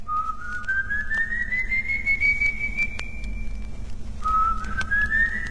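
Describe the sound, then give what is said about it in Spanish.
A high, eerie whistle of a ghostly apparition glides slowly upward and holds for several seconds, breaks off, then a second whistle begins rising again over a low, steady background rumble. “Un nuevo silbido, esta vez más espeluznante y agudo, hace que Juan Hilario se detenga, un poco receloso, para enfocar con la linterna en todas direcciones, tratando de descubrir el misterio de aquellos silbidos.”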